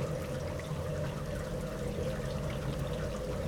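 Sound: heavy rain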